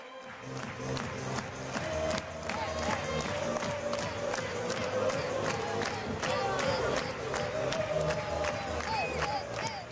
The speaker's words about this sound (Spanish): Todos a la espera, todos mirando, todos concentrados en Álvaro Morata, mientras también se animan con esas palmas los aficionados, el juego de humo, esperando a Álvaro Morata. Escuchamos a On Time Butarque.